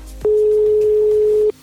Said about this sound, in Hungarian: És nagyon bízom benne, hogy a telefont is fel fogja venni. Ez volt a második csörgésünk, no akkor még három.